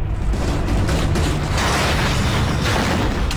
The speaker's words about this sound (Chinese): 敌人的两颗炮弹打进机舱，一发落在了前机舱，另一发落在了后机舱。两声巨响过后，